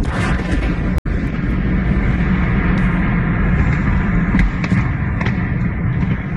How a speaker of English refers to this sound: You can just about make out at the end there a series of explosions, because what local residents didn't know was that the building was being used to store ammunition. The initial blast set off a chain reaction of detonations,